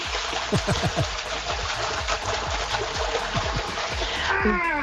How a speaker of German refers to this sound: also wir haben in unserem Whirlpool gerade 39 Grad und definitiv Wasser. Jetzt kommt der Beweis.